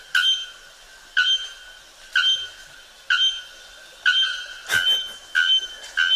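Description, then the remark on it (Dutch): A bare-throated bellbird gives a series of loud, ringing metallic calls, about one per second, each a sharp clanging note with strong harmonics, with one louder burst near the end. “Het is geen prettig geluid, maar wel een heel hard geluid. De naaktkeel klokvogel.”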